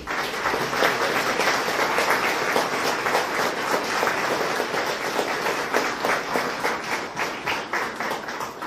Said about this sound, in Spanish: Querida comunidad cristiana, estos jóvenes han sido llamados para el sacramento de la Eucaristía. Lo recibimos con mucho cariño, dándole un fuerte aplauso a ellos.